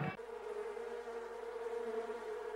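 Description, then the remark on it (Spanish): A steady, dense buzzing of many bees around a small hive box set on the ground for them to enter, a continuous droning hum that holds at an even level throughout, with no voices. “Mire, no, la deja en el piso la cajita para que las abejas solitas se metan en la caja, ¿vio?”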